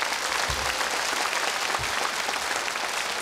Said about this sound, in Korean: 여러분 다시 한 번 더 박수 부탁드립니다.